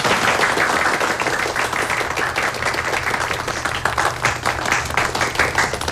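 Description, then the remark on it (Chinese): Many people applaud steadily for about six seconds, a dense, sustained patter of many hands clapping at once, fairly loud, with no one speaking, welcoming the newly appointed director of the Fengqiao police station before his speech. “新任的所长已经宣布任命，领导们已经走了，下面请景所长为大家讲话，大家欢迎。”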